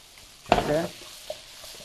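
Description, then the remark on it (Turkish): A short, bright burst of sizzling as onions hit a hot pot, hissing loudly for under half a second before fading, followed by a faint clink against quiet kitchen background. “Oh, bu soğan kokusunu gerçekten çok seviyorum.”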